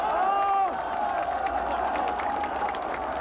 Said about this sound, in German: Die historische Dimension des Augenblicks aber liegt darin, dass Hunderttausende von Bürgern den Studenten unverhohlen Beifall spenden.